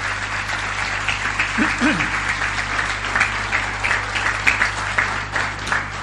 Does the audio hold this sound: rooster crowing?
no